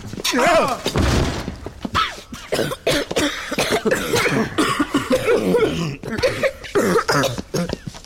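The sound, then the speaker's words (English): A stuck door in an old house, thought to lead to the kitchen, splits from its hinges as people force it, with one loud, brief splintering crash near the start, followed by scattered knocks and thuds while people talk and strain over the noise. “Look out, the hinges are breaking now.”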